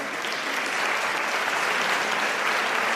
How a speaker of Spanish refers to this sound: ¡Un aplauso!